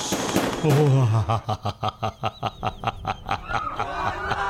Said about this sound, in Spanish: Mientras miles de familias aprovechaban el puente festivo para descansar, visitar amigos o compartir una comida, en distintos rincones de la ciudad el sonido que rompía el silencio no era el de la música. Era el eco seco de los disparos.